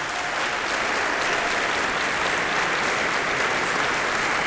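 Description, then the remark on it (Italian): Sustained audience applause for a choir director at a concert, a dense, steady wash of many hands clapping at an even loudness for several seconds with no voices above it. “direttore del coro, un applauso speciale per il maestro.”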